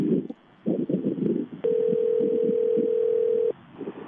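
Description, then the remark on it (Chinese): A steady, mid-pitched telephone ringback tone holds for roughly two seconds over soft, murmuring background voices, with muffled talk-like sounds before and after it, as a reporter calls the Changsha office of Anneng Logistics. “接下来的时间我们就马上来联系一下安能物流长沙公司，来，我们的记者马上拨打一下长沙公司的电话，我们核实一下情况。”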